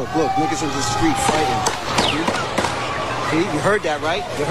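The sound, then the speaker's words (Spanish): A rapid, irregular series of sharp gunshot cracks rings out in Times Square, New York, during street celebrations of a New York Knicks victory: five or so loud bangs over a constant crowd murmur, with people shouting before and after. “Podemos escuchar el sonido de los disparos.”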